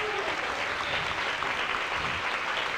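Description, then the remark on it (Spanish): A church audience applauding steadily for God, "the King": dense overlapping claps at a constant level for the whole stretch, with no pauses and no clear voices rising above it. “Hay un aplauso al Rey.”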